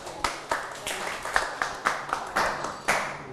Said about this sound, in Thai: เยี่ยมมากปรบมือให้กับเพื่อนหน่อย